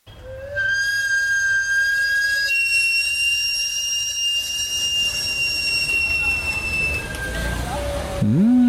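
A roasted sweet-potato and plantain vendor's steam whistle, sounded through a vertical exhaust system, blows one long, loud, steady high-pitched note for about seven seconds, shrill and piercing, before it cuts off and a brief sliding sound follows.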